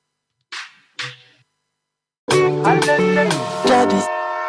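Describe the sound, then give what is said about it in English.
Two short, breathy chugging puffs, then after a brief pause a loud, sustained multi-tone train whistle that wavers in pitch and holds for about two seconds. “Chukuchaka, chukuchaka, like a train, y'all.”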